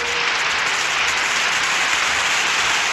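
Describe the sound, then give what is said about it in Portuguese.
A steady wash of applause for a birthday greeting, many hands clapping at once in a dense, continuous patter that holds at an even, fairly loud level for the whole stretch, with no one speaking. “Mais palmas.”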